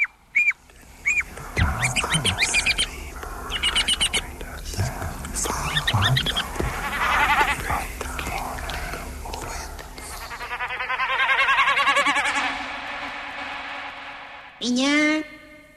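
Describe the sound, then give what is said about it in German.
A busy mix of bird calls and chirps in the city rises and falls over a steady wash of hectic urban background noise, with one sharp, loud call near the end. “Vogelgezwitscher ist dort trotz des hektischen Lärms 24 Stunden am Tag zu hören.”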